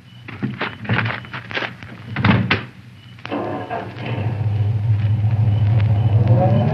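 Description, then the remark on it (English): Several heavy car doors thump shut in quick succession, then after a brief pause the car's engine turns over and settles into a steady, rumbling idle. “Oh, this is my car. Would you ride into town with me?”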